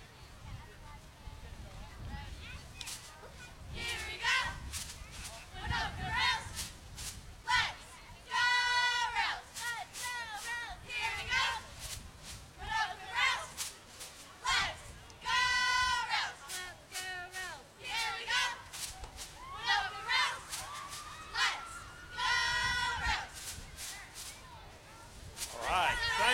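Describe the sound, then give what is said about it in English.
A group of young women, Winoka Railroader cheerleaders, loudly chants a rhythmic cheer in unison, with sharp claps punctuating the beat and several shouted, drawn-out calls rising above the chant. “Okay, you going to do a cheer for us? You've got to do a cheer for us.”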